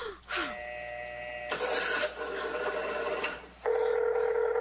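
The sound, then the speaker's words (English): A telephone rings in steady electronic tones, broken up by a stretch of harsh, scratchy line noise before a loud, sustained ring returns. No one speaks. “That's why they've been ringing.”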